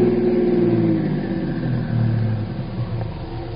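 A car engine hums steadily as the vehicle drives, its pitch dropping and easing off as it slows and pulls to a stop about half a block from El Aguila, fairly loud, with no voices.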